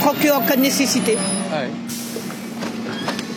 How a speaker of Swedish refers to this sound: Bussarna kommer och går i ett.